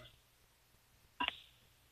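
A quick pair of electronic keypad tones, a telephone being dialed to call in to a radio show, stands out briefly against an otherwise quiet, faintly murmuring background.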